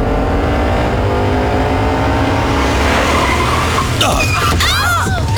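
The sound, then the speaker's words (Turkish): A car's engine drones steadily, then tires screech in sharp, wavering squeals as the driver brakes hard toward the end when another driver suddenly cuts in front. “Baba, o nasıl fren öyle?”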